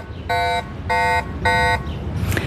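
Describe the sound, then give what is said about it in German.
An e-bike's anti-theft alarm sounds three loud, evenly spaced beeps, each a harsh buzzing tone with sharp harmonics, followed by a brief softer rustle at the end. “Zuerst ist der erste kleinere Alarmton und nachher kommt der wirklich störende und zurückschreckende Alarmton.”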